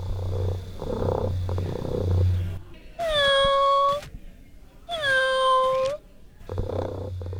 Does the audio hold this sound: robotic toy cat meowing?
yes